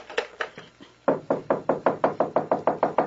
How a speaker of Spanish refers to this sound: Voy a colgar porque están llamando a mi puerta.